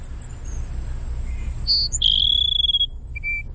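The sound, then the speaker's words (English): A Cassin's sparrow sings a thin, burry whistled song: a short buzzy note followed by a long, sustained high whistle and a brief closing note, clear against a low background rumble. “That's the Cassin Sparrow.”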